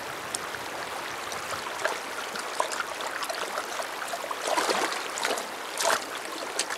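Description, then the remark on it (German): Gently flowing river water below the rapids, where the river calms, with soft, steady trickling and bubbling, a continuous wash punctuated by brief splashy surges, no voices present. “Unterhalb der Stromschnellen, wo der Fluss zur Ruhe kommt, trinkt eine Ringelnatter.”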